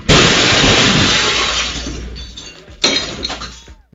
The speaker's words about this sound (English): That was ESPN 730. That was Charlotte Radio. They had one of those studios in downtown Charlotte. On the street level. And a car just crashed into it.